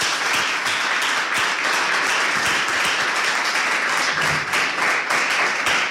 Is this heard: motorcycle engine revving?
no